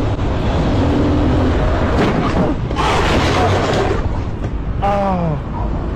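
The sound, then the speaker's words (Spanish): Amid constant loud road noise, a car turning right slams into a motorcyclist riding along the road shoulder with a sudden harsh crash, then a short wavering cry rises briefly afterward. “Pero aquí lo que vale la pena es el golpe, escuchen.”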